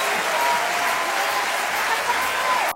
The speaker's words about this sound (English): let's really applaud the Lord in this place tonight. Come on. For all that he's done. For all he's going to do.